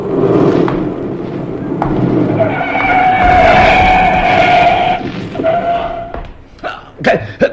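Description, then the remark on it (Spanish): A car skids to a stop a few centimetres from Calimán on a street at night by the port under the Rock of Gibraltar, with a loud, sustained tire screech over a rumbling engine, lasting several seconds before fading into a few sharp clatters and knocks. “El auto se detiene a escasos centímetros de Calimán y un revólver apunta directo a su pecho.”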